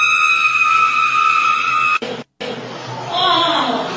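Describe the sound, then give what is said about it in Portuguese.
A loud, steady, high-pitched siren tone holds for about two seconds, then cuts off abruptly; after a brief silence, a crowd chatters and voices talk over background noise. “Bota de novo o vídeo e emenda com a sirene!”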